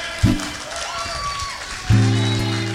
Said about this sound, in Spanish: Como en los buenos tiempos siempre. El aplauso fuerte.